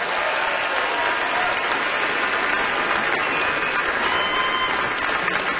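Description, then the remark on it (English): A crowd at the Grand Ole Opry claps steadily to welcome songwriter Jim Beavers for his Opry debut, a dense, even wash of many hands with no pauses, holding at a strong, constant loudness throughout. “Hold your applause.”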